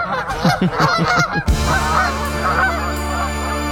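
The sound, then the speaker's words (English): An eider duck calls with a rapid run of short, hoarse cooing notes, followed by a steady low drone as softer calls continue in the background. “This is the sound that an eider duck makes.”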